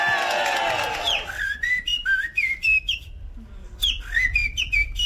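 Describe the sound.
A person whistles an imitation of a blackbird's song, the winning entry of the Gouden Luisterbrink 2026 at the Dutch national bird-whistling championship (NK Vogelfluiten) in Utrecht: a string of short, fluting phrases with rising and falling slides, pausing briefly before more warbling notes. A faint murmur of people sits underneath.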